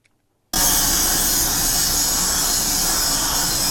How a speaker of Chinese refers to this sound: 伴随刺耳敲击声，产线员工专注打磨。